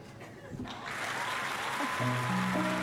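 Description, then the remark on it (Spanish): An audience breaks into steady, dense clapping that swells after a brief murmur and holds strong, with a few sustained whoops or cheers rising over the applause near the end. “¡Aplausos!”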